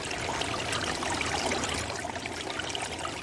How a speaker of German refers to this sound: Weil sie das Wasser unter sich rauschen hörte, hatte sie ganz dolle Angst.